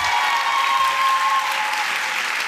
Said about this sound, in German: Applaus und Jubelrufe im Kaisersaal des Frankfurter Römers für Sheida Bassia.